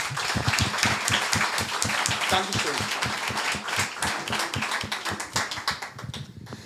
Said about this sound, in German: Und das ist nochmal dein Applaus. Vielen Dank.